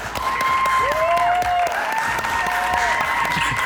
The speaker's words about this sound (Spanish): Mañana le deseamos muchas bendiciones y de que tenga una victoria contra Bosnia y Herzegovina. Fuerte el aplauso.